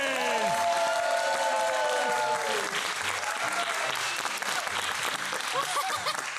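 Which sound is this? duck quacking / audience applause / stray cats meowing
audience applause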